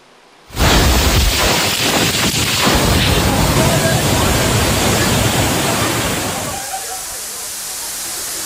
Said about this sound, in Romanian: O furtună puternică a lovit cel mai mare oraș din Elveția, unde au fost și victime și distrugeri materiale.